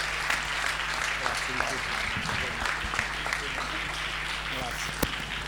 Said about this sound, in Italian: Un applauso, un applauso.